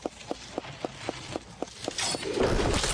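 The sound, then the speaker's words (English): Steady video game footsteps tap at an even pace, then a pumpkin catapult fires with a loud, rising burst of whooshing, crackling noise that carries on to the end. “Pumpkin catapult activates.”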